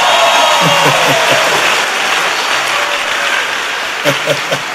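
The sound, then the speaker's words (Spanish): A church audience breaks into sustained, dense clapping that fills the whole clip, with a few louder shouts or voices briefly rising over the applause near the start and again toward the end. “Fuera de ti, bueno, déjenme un aplauso.”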